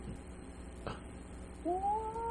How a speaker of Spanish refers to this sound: Válgame, un gatito. ¿Ah? ¿Qué rayo? Ese gatito parece que quiere pelear, ese gatito.